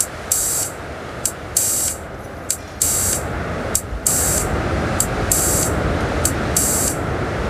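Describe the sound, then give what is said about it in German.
Synthesizer filter noise from small sound devices running in the background: a steady, dense hiss with bright, rhythmic bursts of high noise pulsing on and off in uneven lengths, loud, with no voices. “Ah, da hören wir den Filter rauschen.”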